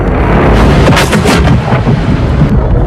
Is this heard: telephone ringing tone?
no